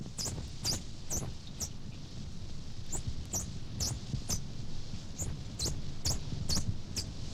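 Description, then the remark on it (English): Dolphin whistles: a string of short, high-pitched squeaky chirps that come in irregular clusters over a steady low underwater rumble, moderately loud and with no voices. “and the whistles.”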